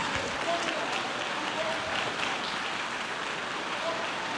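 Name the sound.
audience applauding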